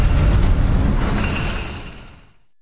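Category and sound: vehicle, electric train running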